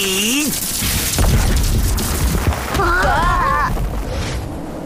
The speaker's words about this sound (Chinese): 哇，石头都被打碎了，老板好厉害！